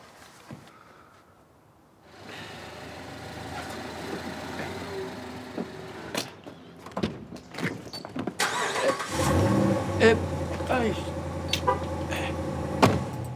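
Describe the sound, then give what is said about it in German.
A new car's engine starts up: a rising whir, several mechanical clicks and thumps, then the motor catches and settles into a loud, steady idling rumble. No one speaks. “Mein neues Auto. Noch ein bisschen gewöhnungsbedürftig.”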